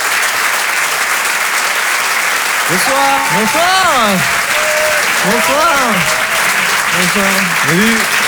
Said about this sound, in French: Je vous demande de les applaudir très très fort, s'il vous plaît. …, …, … sur Rire et Chanson.